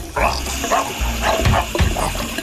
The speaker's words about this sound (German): Der will nur spülen. Ach so. Der Hund will nur spülen.